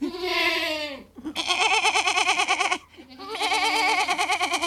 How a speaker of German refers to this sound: Das hat eine sehr lustige Sprache, so eine kleine Ziege.